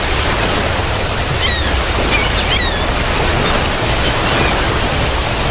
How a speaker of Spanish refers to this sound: El viento rugía sobre las aguas del mar de Galilea, como si la misma creación presentía lo que estaba a punto de suceder. El cielo se cubría de nubes espesas y las olas golpeaban violentamente contra el barco